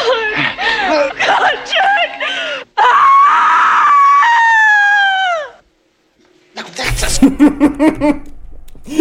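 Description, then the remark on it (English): A loud, sustained scream in a film sound mix rings out for about three seconds, its pitch sliding downward as it ends, framed by agitated vocal sounds before it and a noisy burst of voices after a short pause. “Scream! More on the screen.”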